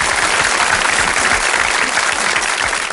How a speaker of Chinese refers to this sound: 鼓掌